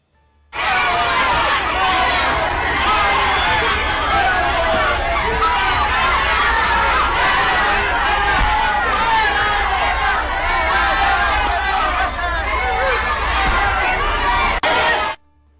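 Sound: crowd shouting in protest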